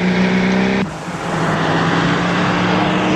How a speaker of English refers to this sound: Someone tries to stop Tracy, but she speeds onto the highway.